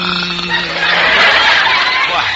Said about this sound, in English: He's just clearing his throat.